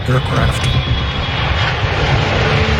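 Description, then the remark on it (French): A loud, steady airplane engine roar fills the whole stretch, a dense rush of noise with a low droning hum underneath, as the presidential plane takes off and climbs at a very steep, unusual angle. “L'avion a décollé avec un angle clairement inhabituel, très raide.”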